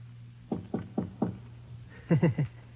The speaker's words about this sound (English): And knock on the concierge's door.